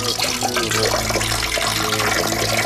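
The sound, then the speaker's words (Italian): Fresh water pours steadily into a glass for a few seconds, a continuous splashing stream, with no voices. “Bevete un bel bicchiere di acqua fresca.”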